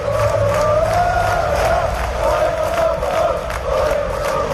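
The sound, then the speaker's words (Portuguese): Thousands of Deportivo fans chant loudly and steadily in unison at a street protest in A Coruña, between Praza de Pontevedra and the bank's headquarters, a sustained roar of voices with rhythmic shouted pulses, filling the whole clip. “Milleiros de afeccionados manifestáronse entre a Praza de Pontevedra e a sede da banca para protestar polas condicións que o club impón para a vindeira temporada.”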